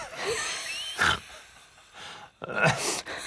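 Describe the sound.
A human voice mimics a crow with a few harsh, raspy caws, each a short rough burst separated by brief pauses, fairly loud and with no talking in between.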